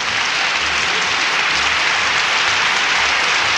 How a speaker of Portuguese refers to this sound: Mais palmas, oi, oi, oi, oi.